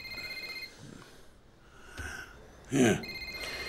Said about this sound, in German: Wenn dein Handy klingelt.